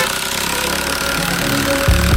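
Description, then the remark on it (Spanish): Road construction works on the city road network in Manizales, Colombia, with heavy engines running, a steady low mechanical rumble and drone that swells louder and rougher toward the end, with no voices. “¿Escuchas eso? Son las obras en Manizales.”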